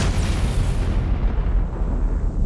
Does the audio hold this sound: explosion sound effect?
yes